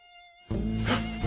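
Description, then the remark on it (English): A mosquito whines with a thin, high-pitched buzz, faint at first and then suddenly loud, droning steadily for about a second with no voices. “Let me catch the mosquito.”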